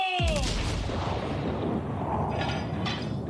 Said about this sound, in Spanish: El cañonazo falló. No me sale nada bien últimamente. Pasó silbando junto al barco de Barnett. No le dio a nadie y se hundió en el mar.